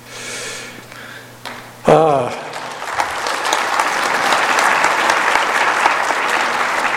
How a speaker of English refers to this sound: I'm sure Sister Hinckley would appreciate your applause on that.